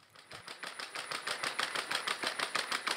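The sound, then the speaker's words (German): The robot dog Scotty's feet patter in a quick, steady run of small mechanical taps with a faint whir underneath, like a sewing machine, as it walks through the garden grounds of the Lutzepark care home in Köthen, Saxony-Anhalt, Germany. The taps grow slightly louder as they go, and no one speaks. “Was klingt wie eine Nähmaschine, ist das Tippeln von Scotty.”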